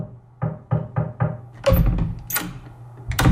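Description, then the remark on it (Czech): Four quick, evenly spaced knocks on a door, followed by a louder burst of shuffling and clattering noise. “Ven! Třikrát se otočte. Zaklepejte.”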